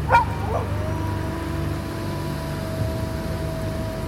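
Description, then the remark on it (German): A wolf gives a short, sharp bark and a second quieter one, then holds a low, steady growl against a dull background rumble during a storm. “Ein Wolf? Verschwinde!”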